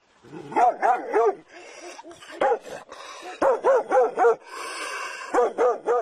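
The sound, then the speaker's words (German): A biting dog barks repeatedly in quick bursts of two and three, with a few higher yips and whining noises between the barks. “Da war er auch schon, der bissige Hund, und als ich mich dem Haus gegenüber zuwandte, merkte ich nicht, dass er durch eine offene Gartenpforte schlüpfte.”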